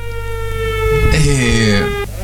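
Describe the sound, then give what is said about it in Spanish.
A fire engine siren wails steadily and loudly for about two seconds, its harmonic tone sliding slightly in pitch, with a low engine rumble beneath and brief noisy bursts midway. “Los bomberos. La sirena.”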